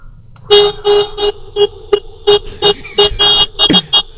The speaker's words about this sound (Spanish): Échale más pitidos. Échale más claxon. Que salga Doña Mago, que vive a un lado de chismosa, a ver por qué estás pitando